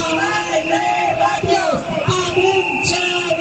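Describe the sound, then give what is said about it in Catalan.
A large protest crowd chants slogans in unison, many voices shouting together in a steady, rhythmic cadence that stays loud and dense throughout; a school-year protest chanting for higher salaries and lower class ratios. “Al llarg de l'últim curs escolar hem sentit en força ocasions aquests crits.”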